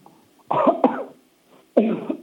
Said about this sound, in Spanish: Ya, tú puedes, si tú toses, ¿te duele o no te duele? Si tú toses fuerte. Nunca he probado, doctorcito. A ver, prueba ahora. Tose fuerte, a ver, con toda tu alma.